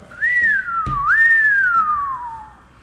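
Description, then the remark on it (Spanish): A person whistles an imitation of a police siren: two long rising-then-falling sweeps, the pitch climbing and sliding down in a smooth wail, loud and alone with a brief click between them. “Lo mejor fue el efecto sirena.”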